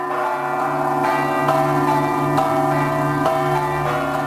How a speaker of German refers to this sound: Sie ist unübersehbar und mitunter auch unüberhörbar. Ja, uns weisen hier im Hintergrund, man hört schon die Glocken dahin, zur St. John's Cathedral.